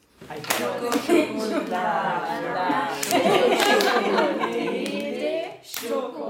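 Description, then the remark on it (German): Tanzanian schoolgirls visiting the Kurt-Huber-Gymnasium in Gräfelfing, Upper Bavaria, chant together in German while playing a hand-clapping game, sharp rhythmic slaps punctuating their lively voices, with brief chatter and giggles between the claps. “Bei Klatschspielen sprechen die Tansanierinnen nach einer Woche schon fast genauso akzentfrei Deutsch wie ihre Gastgeber.”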